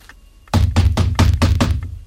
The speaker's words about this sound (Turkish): Durun. Kapı çalınıyor reis. Kapa çeneni, duydum. Bu saatte kim gelebilir ki?